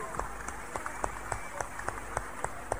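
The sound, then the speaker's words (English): An audience clapping for Jesus together in a steady, even rhythm, about ten sharp claps over a few seconds against a low background murmur, with no voices standing out. “Clap for Jesus.”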